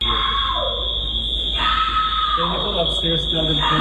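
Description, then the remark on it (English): A woman lets out a loud, piercing, blood-curdling scream as she exits a plane at JFK airport, holding for several seconds, rising and wavering in pitch, with a murmur of other voices and commotion in the background. “This scream that you're about to hear is blood-curdling, so if you're listening to us with headphones on, turn the volume down.”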